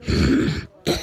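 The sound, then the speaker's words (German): A loud, breathy sneeze-like burst from a voice, a harsh rush lasting over half a second, then a brief pause and a shorter second burst. “Gesundheit.”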